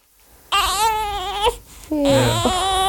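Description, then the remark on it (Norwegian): A two-day-old newborn, getting hungry, cries in two loud, wavering wails, the first about a second long, the second rising and breaking, with a short gasp between them. “Nå begynner du å bli svulten her.”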